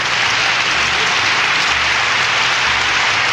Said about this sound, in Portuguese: Bom programa na Difusora, a emissora da cidade. E palmas pra ele.